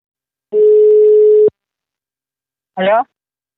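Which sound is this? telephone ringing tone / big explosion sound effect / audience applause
telephone ringing tone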